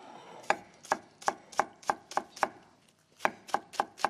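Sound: knife chopping green onion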